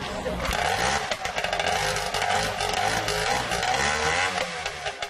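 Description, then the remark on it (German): The small engine of an old vehicle, taken out of a museum and made roadworthy again, shows first signs of life, running with a loud, rough, rattling drone, its pitch wavering slightly as it idles and revs unevenly for about five seconds, with faint voices mixed underneath. “Inzwischen hat der Motor auch erste Lebenszeichen von sich gegeben.”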